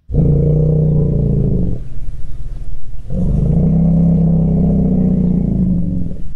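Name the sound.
elephant low-frequency greeting rumble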